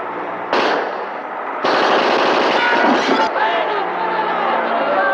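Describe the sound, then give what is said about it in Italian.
Loud bursts of rapid gunfire during a shootout crackle almost continuously, starting abruptly and intensifying partway through, with shouting voices mixed into the chaotic din. “Sparate, sangue chi è vivo! Sparate!”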